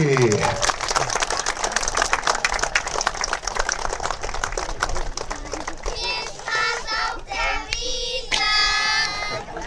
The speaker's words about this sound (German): Applaus nochmal hinterher für unsere Kinder vom Gummi.